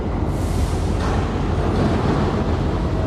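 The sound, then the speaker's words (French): A steady, dense industrial rumble of a container port with huge gantry cranes, with heavy engine drone and broad low-frequency noise holding at a constant loudness throughout, no distinct clangs standing out, and no voices. “Des fracas métalliques. Des crissements. Des moteurs.”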